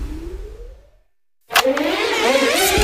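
A car engine revs up and fades out, then after a short silence roars back loudly and revs steadily, with no voices.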